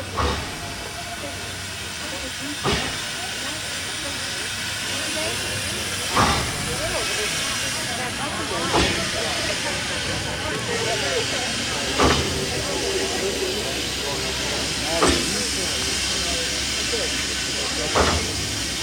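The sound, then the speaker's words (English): An old steam train on the line from Durango, Colorado, to Silverton hisses continuously, a loud wash of steam with sharper bursts recurring every few seconds over a low rumble. “The idea was to take at Durango, Colorado, the old train to Silverton.”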